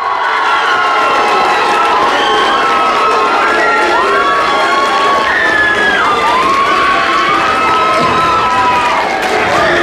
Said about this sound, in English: Come on. Come on, everybody. Let's cheer her on.